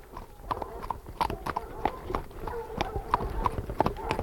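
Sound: horses' hooves clip-clopping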